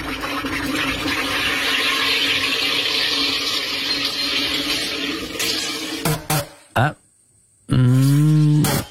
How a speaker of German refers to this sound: Also um da allfällige zwiespältige oder unflätige Fehlinterpretationen vorbeugen, gesucht gewesen wäre ein Wasser- bzw. Getränkesprudler